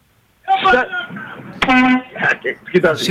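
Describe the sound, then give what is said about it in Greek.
A Mercedes car horn blares once in a steady, sustained honk lasting under half a second, sandwiched between bursts of agitated talking. “Λοιπόν, έχω ένα βλάκα τώρα με 9 μερσεντές πίσω, με ρίπινα χείρες και κορνάρι και κορνάρι και κουνάει το χέρι κάνει δεξιά και κορνάρι.”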